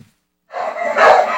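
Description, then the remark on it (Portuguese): A pack of dogs breaks into loud, overlapping barking after a brief silence, a sound effect played on a radio program, the barks blending into a dense, continuous chorus that swells and carries on to the end. “Olha aí, cachorrada chegando.”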